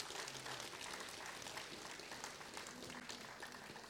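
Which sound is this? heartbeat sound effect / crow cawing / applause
applause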